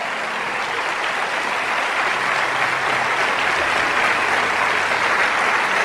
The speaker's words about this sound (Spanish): Si ese aplauso es para el Rey de Reyes, dale.